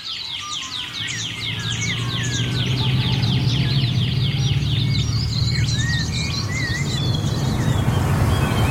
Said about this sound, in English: I can hear the paddlelope, but that sort of pew, pew, pew, pew. Yeah, I think that might be a shining bronze cuckoo. Ah. Because they got lots of different calls.